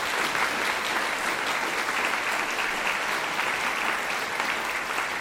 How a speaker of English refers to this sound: Getting applause there for his performance with the Melbourne Chamber Orchestra and the second movement of the Violin Concerto in C by Franz Joseph Haydn.